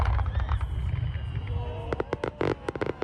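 Fireworks from a pyrotechnic show at the Japantag (Japan Day) festival, staged by a fireworks master flown in from Japan, rumble with a deep, steady low boom, then a rapid series of sharp crackling bursts pops out in quick irregular succession toward the end.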